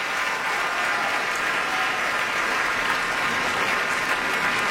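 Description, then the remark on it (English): Steady, dense applause from a large opera audience at the Met, with a singer on stage applauding the orchestra, a continuous wash of many hands clapping at even loudness throughout, with no voices standing out. “He's applauding the orchestra.”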